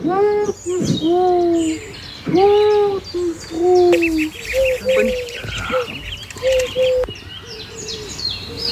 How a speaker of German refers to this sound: Sie ruft, die Taube ruft.